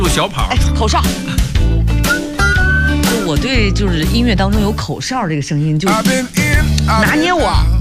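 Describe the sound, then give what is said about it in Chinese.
A bright whistled melody rides over a full, loud band arrangement with steady bass and drums, weaving between vocal lines near the front of the mix. “就我对就是音乐当中有口哨这个声音就拿捏我，直接就拿捏， 好不好听？”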